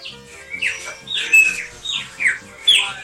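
A songbird sings a lively series of bright chirps and whistled phrases in short repeated bursts, clear, with no one talking.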